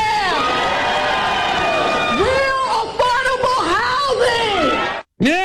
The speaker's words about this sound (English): You know, it helps if you yell and then you get the crowd to go, yeah, that makes it really drive the point home.